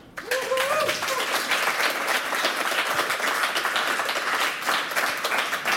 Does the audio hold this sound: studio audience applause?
yes